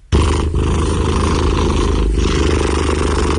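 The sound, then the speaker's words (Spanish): A cat purring close to the microphone, a loud, steady low rumble that runs unbroken for a few seconds, with brief dips where the breath changes direction. “Este es un ronroneo registrado de manera muy precisa, cercana y con un buen micrófono, por si acaso.”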